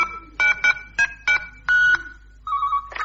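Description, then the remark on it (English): A quick run of electronic telephone keypad tones, six or seven short beeps at uneven intervals followed by a longer held tone and a final blip, clear with no voices, as a number shown on the phone's readout display is dialed again. “The number you called is still on the readout display.”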